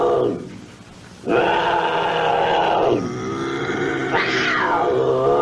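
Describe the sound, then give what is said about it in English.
A bobcat barks in loud, harsh, raspy calls: a fading one, then a long growling bark, then a rising, higher-pitched yowl. There is no talking, only the animal. “It's a barking bobcat, apparently.”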